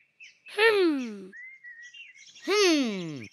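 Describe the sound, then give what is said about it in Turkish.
Two loud, harsh bird calls, each sweeping downward in pitch, separated by a brief stretch of thin, high chirping. No people are talking. “Burada her yerde kuş var.”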